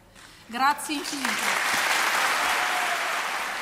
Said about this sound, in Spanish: Muy aplaudidas esas palabras de la soprano emocionada